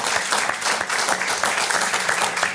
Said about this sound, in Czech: Táta, promiň, už bude... 96 let, teď mu bude 97. To je na aplaus. Ať nás poslouchá.